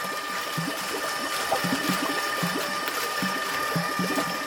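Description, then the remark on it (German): Water churns steadily as a shiny, rugby-ball-sized geometric stainless steel stirrer rotates on itself in a tank about 1.5 metres high and 1 metre wide, creating a gentle current, with a rhythmic low sloshing pulse and a constant mechanical hum with faint tonal whines above it, no voices. “Mit rhythmischen Bewegungen dreht er sich um sich selbst und erzeugt dabei eine leichte Strömung.”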